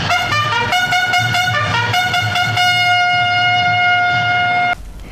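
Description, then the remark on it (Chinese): A loud military bugle sounds a quick run of stepped notes, then holds one long bright tone over a low mechanical rumble before cutting off abruptly as a high-speed train pulls out of Ruijin Station on time, bound for Yan'an through Jiangxi, Hubei and Shaanxi, China. “伴随着嘹亮的军号声，列车准点从瑞金站驶出，穿越江西、湖北、陕西，一路飞驰。”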